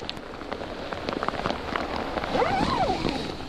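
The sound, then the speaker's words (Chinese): Steady rain patters on a tent at a campsite, a dense hiss of drops with scattered louder taps, and a faint warbling tone rises briefly near the end. “有的时候下雨下大了，它会把我旁边这个支撑杆给支塌，给刮塌，刮塌了的话它就会进水。”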